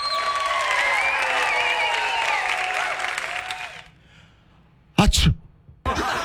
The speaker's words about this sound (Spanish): Un estornudo, güey. Un estornudo.